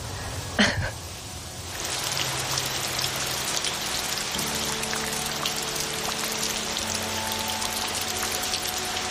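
Steady rain falls and patters across surfaces, a dense, hissing wash that swells in after a brief knock at the start and stays constant, with faint low hums beneath and no voices.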